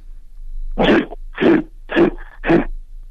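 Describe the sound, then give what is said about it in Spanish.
A person imitates a grizzly bear's growl with four rough, throaty bursts, each under half a second, spaced evenly with short pauses between them. No one speaks. “¿Es cerdo o es oso? Es oso grizzly.”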